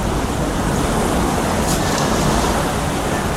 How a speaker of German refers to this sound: Nun ja, das Meer ist da.